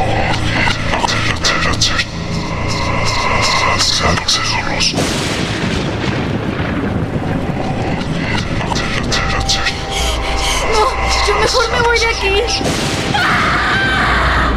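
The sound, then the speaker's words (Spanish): Heavy thunder rumbles and cracks almost without pause, loud and dense with low booming, during a storm with a power outage, while a voice speaks over the storm. “La luz de aquel trueno dejó ver la silueta de alguien o de algo que se encontraba metido en su cama.”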